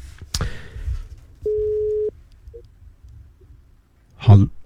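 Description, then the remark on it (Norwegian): A single steady electronic ringing tone from a phone line sounds once for under a second as the host of Bønner og Bacon Country Show phones a listener to play kasino, clear and fairly loud, between a sharp click and a soft low thump. “Nå skal vi spille kasino, så nå ringer jeg deg opp i den rekkefølgen som dere har meldt dere på, og da får dere følge med på telefonen deres.”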